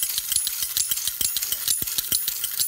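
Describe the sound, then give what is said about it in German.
A rapid, steady mechanical whirring and clicking of a wind-up tin toy's spring mechanism running after its key was turned to wind the spring, with bright metallic rattles and a quick repeating tick throughout, fairly loud and without talk. “du hast hier vorher die wie nennt man das? Den Schlüssel hier gedreht und die Feder aufgezogen.”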